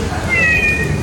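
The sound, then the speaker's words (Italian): A Mita Cat robotic companion pet cat gives a single drawn-out electronic meow, a thin steady tone sliding slightly in pitch, over a low background hum. “Ma il nostro prodotto di punta è questo, il robot cucciolo di compagnia.”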